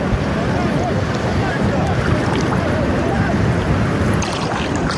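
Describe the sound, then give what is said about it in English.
A small smugglers' boat out on open water, coming in for another round of pickups, with a steady rumble of waves and engine and wind buffeting the microphone, plus faint, muffled voices throughout. A French rescue vessel shines a light to guide them in. “So they're now coming in for another round of pickups. The boat is right there.”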